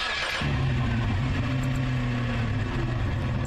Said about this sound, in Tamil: ஆனா இங்க பாருங்க, இந்த கார் டிரைவரே இல்லாமலே நகர ஆரம்பிக்குது.